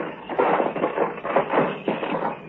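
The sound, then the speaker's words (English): A rusted door lock is forced open, with about five rough metallic rattling, scraping bursts in quick uneven succession, fairly loud and without any voices. “The lock's all rusted through.”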